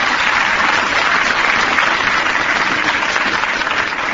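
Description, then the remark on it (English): A crowd applauds Miff, a dog who plays jazz trombone: a dense, even wash of many hands clapping that holds at full strength for the whole stretch with no voices breaking through. “Let's have a little applause here for Miff.”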